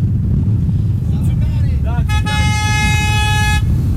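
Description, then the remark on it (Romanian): Car horns honk from side streets joining the main street in Sibiu, Romania, drivers answering a radio call to honk, over heavy traffic rumble, with a long, steady blaring horn joining in partway through, loud. “Și de pe străzile secundare vin claxoane care se unesc cu principala.”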